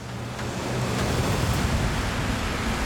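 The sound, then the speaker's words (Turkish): A raft, full of water and very heavy, goes over a waterfall amid a loud, steady roar of rushing water, with a few faint, brief knocks briefly rising above the continuous wash. No one speaks. “Sal şelaleden aşağı düştü.”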